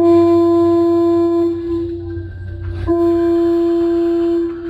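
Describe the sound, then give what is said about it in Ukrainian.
A small steamboat sailing along a river blows a long, loud, deep horn blast that briefly falters midway and then sounds again steadily to the end, with a low rumble underneath and no voices. “І тут він почув протяжний гудок.”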